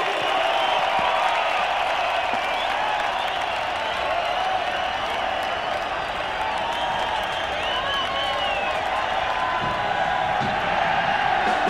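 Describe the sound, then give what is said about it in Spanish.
A large crowd applauds and cheers steadily for the performers, a dense wash of clapping with scattered whoops and shouts, loud and sustained without pause. “Que se oiga ese aplauso para estos maestros.”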